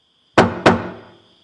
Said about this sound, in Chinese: 有人敲门